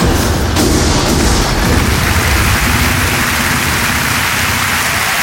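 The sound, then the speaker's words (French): A dense, unbroken crackle of rapid gunfire from a combat volley fired at will on a sergeant's order rolls on steadily for several seconds, loud and even, with low booming thuds mixed into the clatter and no voices. “Sergent Jean-Claude, feu à volonté!”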